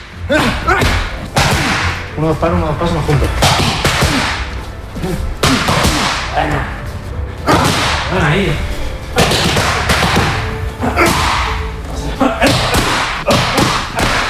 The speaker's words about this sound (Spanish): Este es el sonido. Así suenan los puñetazos de Topuria cuando entrena